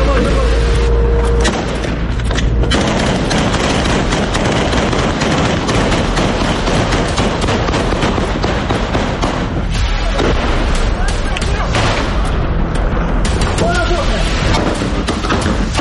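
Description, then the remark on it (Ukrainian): Sustained gunfire crackles loudly and densely throughout, punctuated by heavy booming explosions, with shouting voices mixed into the chaotic battle noise, as an assault column of three armored vehicles and a Bradley carrying troops comes under fire on January 11. “Невідомість вже за півгодини зустріла кулями і вибухами.”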